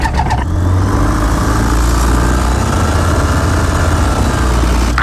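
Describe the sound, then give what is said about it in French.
A light aircraft engine is started after a preflight inspection during a flying lesson. It catches after a brief starting sputter, then settles into a loud, steady, low droning roar that runs unbroken to the end, with no voices. “On fait la visite prévol. Alors, répète après moi, Patricia. Notre père. Qui est au Sénat. Et on démarre.”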